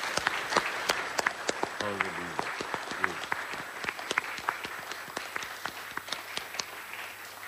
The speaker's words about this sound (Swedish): Ska vi vara så osvenska att vi tar och ger en rejäl applåd till Jesus också? Ja.